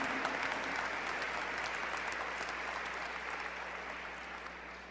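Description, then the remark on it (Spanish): An audience applauds to God at a religious gathering, a dense wash of many hands clapping at once that holds fairly loud for several seconds and only slightly thins toward the end. “Un aplauso al Señor. Un aplauso a Dios.”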